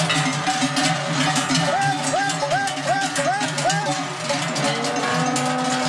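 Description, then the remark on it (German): Many cowbells clang and jangle continuously and overlapping as a herd of cows is brought down early from an alp in Domleschg to the valley, with the bells fairly loud throughout. “Die Kühe auf der Alp im Domleschg müssen 3 Wochen früher zurück als sonst.”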